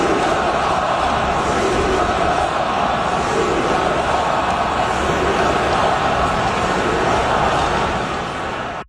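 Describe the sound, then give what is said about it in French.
A large arena crowd of Montreal hockey fans at a Canadiens game chants 'shoot the puck' loudly in unison, a dense, continuous roar of many voices that fills the whole stretch before cutting off abruptly at the end. “Donc, si vous avez pas bien compris ce que la foule scandait, on chantait « shoot the puck », tirer la rondelle.”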